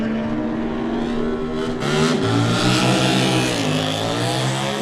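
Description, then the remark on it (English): A 600cc Yamaha race motorcycle, number 34, ridden by Lawrence Mejan for the Bui Yamaha Road Racing Team, screams as it pulls away hard off the line at a road race, the pitch climbing and dipping through quick gear changes, loud and unbroken with no voices. “34 is next to go. That, of course, is a couple of years ago. Lawrence Mejan made his debut here. He's riding the 600 Yamaha for the Bui Yamaha Road Racing Team.”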